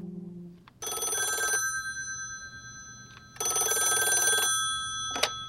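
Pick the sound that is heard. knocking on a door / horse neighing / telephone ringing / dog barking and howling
telephone ringing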